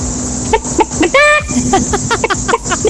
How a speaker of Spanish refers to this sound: Continuamos con las gallinas.